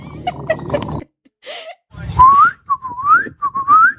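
A person whistles three rising, sliding notes in a row, fairly loud and close, after a brief burst of rough, noisy sound at the start.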